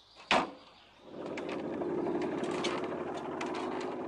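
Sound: motorcycle engine running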